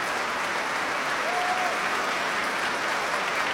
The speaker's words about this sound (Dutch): Want ja, het is een staande ovatie hier inmiddels. En het publiek staat voor mij in mijn beeld, in mijn zicht.